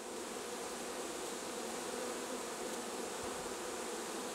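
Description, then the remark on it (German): A swarm of about 30,000 honeybees crowds through the entrance hole into its new hive, a dense, steady buzzing, a broad hum that fills the whole moment without pause and with no voices. “Dicht gedrängt, aber friedlich, laufen rund 30.000 Bienen in ihr neues Zuhause.”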